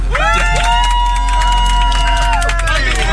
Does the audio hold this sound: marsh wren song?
no